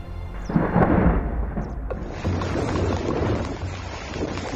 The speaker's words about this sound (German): Valencia im Oktober 2024. Sintflutartige Regenfälle überziehen die Ostküste Spaniens. An einem einzigen Tag stürzt in manchen Orten so viel Wasser vom Himmel, wie sonst übers ganze Jahr verteilt.